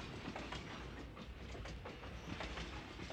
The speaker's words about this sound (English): To those of you joining us here, welcome aboard the Disneyland Railroad. Please remain seated while the train is moving, keeping your hands and arms inside the car.